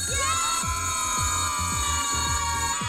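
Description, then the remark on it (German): An electric school bell rings steadily for the whole stretch, a bright, shrill metallic tone that never breaks, with a faint low rhythmic thumping underneath. “Boah, 17:45 am Dienstag, das heißt jetzt wirklich keine 15 Stunden mehr, dann ertönt wieder dieser liebliche Ton, der Kinderherzen höher schlagen lässt.”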